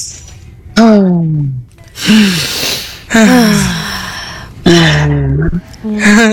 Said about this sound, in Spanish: Entonces, yo respiro y ustedes sincronizan con mi respiración, ¿ok? Okay. Y luego después, ustedes me van dando su respiración. Ahí va.